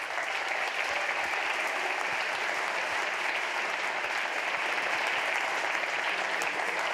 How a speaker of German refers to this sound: Großen Applaus für alle Nominierten.